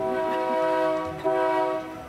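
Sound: train horn honking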